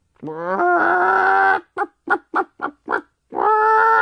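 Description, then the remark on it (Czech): A hen clucks: a drawn-out, nasal call, then five short, evenly spaced clucks, and another long call at the end. No one talks. “První přišla slepice.”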